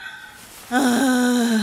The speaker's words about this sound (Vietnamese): Bà vừa thở ra tiếng vừa ngủ đi. Làm ơn thở ra tiếng dùm cái.